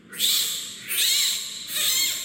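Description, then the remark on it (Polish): A newborn, still unnamed giant panda cub, born ten days earlier at the zoo in Yongin, South Korea, squeals three times in a row, each cry shrill, high-pitched and wavering, loud and unbroken by any speech. “To dźwięki, które wydaje pandzi noworodek.”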